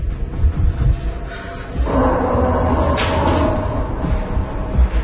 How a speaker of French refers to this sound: Faut pousser la table contre la porte.